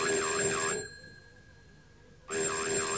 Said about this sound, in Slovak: Telefón znovu funguje! Ale nie, to je predsa zvonček na dverách.